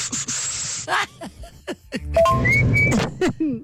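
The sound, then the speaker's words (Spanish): A failed whistle imitating a father's call to his children: a breathy rush of air through pursed lips, then a few more airy blows with only faint, thin squeaks of pitch. “Ni sabía silbar, nada más hacía como que respiraba aire por la boca y hacía su trompilla”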